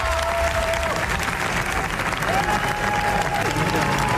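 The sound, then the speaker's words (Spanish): Sustained applause from a large audience at the Cannes Film Festival premiere of the Javis' film La bola negra, competing for the Palme d'Or, lasting twenty minutes; a dense, steady wash of clapping that stays loud throughout, with a faint tonal whistle-like line threading through and occasional crowd voices. “Veinte minutos de aplausos se ha llevado la película de los Javis, gran comienzo para los directores que se estrenan en la Croisette y compiten por la Palma de Oro”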